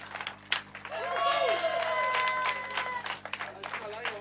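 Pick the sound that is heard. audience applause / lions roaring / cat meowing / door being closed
audience applause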